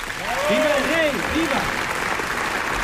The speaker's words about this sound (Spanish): Ovación cerrada para Alfonso XIII en este Palacio de las Cortes, lleno hasta la bandera. En cierta medida, los aplausos avientan la tensión propia de un evento de inapelable trascendencia como el que estamos viviendo